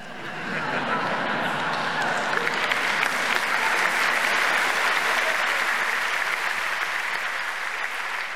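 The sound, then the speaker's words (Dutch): Sustained audience applause after a poetry reading by poet Judith Herzberg at the 40th Nacht van de Poëzie in Muziekcentrum Vredenburg, Utrecht. It is a dense, steady wash of many hands clapping that swells quickly and holds at an even, fairly loud level before easing slightly at the end. “Applaus voor u herkende haar stem ongetwijfeld.”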